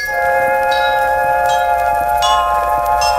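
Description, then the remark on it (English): Bright metallic notes ring out one after another, each soft strike chiming over a sustained shimmering tone, with about four struck notes spaced evenly and no voices. “And the glockenspiel with its sweet, mysterious notes.”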